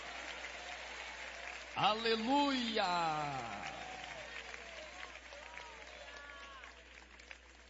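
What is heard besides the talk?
audience applauding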